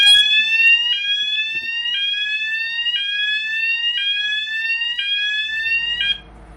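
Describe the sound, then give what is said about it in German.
A ship's bilge high-water alarm, warning that the bilge is filling with leaked water, oil or fuel, repeats a loud rising, harmonic-rich electronic tone about once per second for six seconds, then stops abruptly. The piercing, insistent sweep plays alone with no voices. “Und damit man das mitkriegt, gibt es einen Alarm. Und der sollte sich so anhören.”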